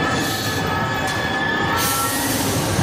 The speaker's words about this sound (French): Le métro à Paris, il a freiné rapidement et j'ai eu vraiment un son assez strident qui est arrivé dans mes oreilles, à l'oreille gauche.